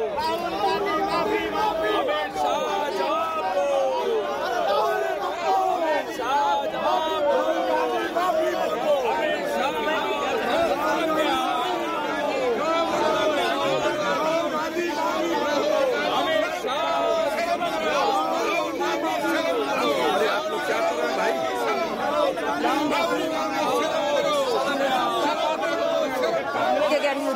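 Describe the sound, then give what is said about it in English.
Dense crowd chatter from a protest and counter protest at the Parliament complex, with the opposition protest led by Pawan Khera and people showing pictures and placards. Many overlapping voices form a steady, loud babble with occasional raised shouts, continuous throughout with no single speaker standing out. “From the Parliament complex, there you see it is protest versus counter protest, where the opposition is also now upping the ante.”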